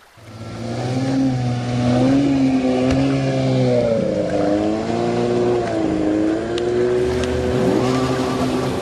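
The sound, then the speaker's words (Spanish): A loud motorboat or jet ski engine drones steadily a few metres off a breakwater at Rada Azul, an island bathing spot with the Güímar valley in the background; its pitch rises and falls as it revs, with no voices. “Y ves como a unos metros del dique hay lanchas, motos de agua, embarcaciones de todo tipo.”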